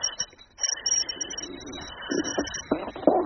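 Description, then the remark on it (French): A whistling bird placed on a person's belly whistles in thin, high, sustained notes that break off and resume, while softer, lower cooing-like sounds murmur underneath. There is no talking. “Je vais me mettre un oiseau siffleur sur le ventre.”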